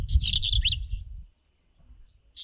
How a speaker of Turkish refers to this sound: Ötüşü gıcırtılı plit hecesiyle başlıyor ve bunu bilmiyordum sıkça kırlangıç ve ebabili taklit ediyormuş.